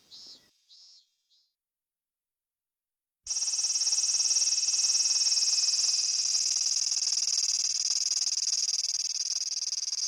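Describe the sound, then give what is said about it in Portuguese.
Three short, high buzzing pulses and a brief silence. Then comes the loud, steady, shrill drone of a Minmin cicada (minmin-zemi), whose song seems to repeat "min, min, min". It continues unbroken to the end, with no voices. “A Minzemi, por exemplo, recebeu esse nome justamente porque seu canto parece repetir Min, Min, Min.”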